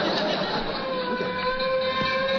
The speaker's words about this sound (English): No, I heard a fire truck go by. You heard a fire truck, huh? Mm-hmm. You heard bells, huh? Mm-hmm.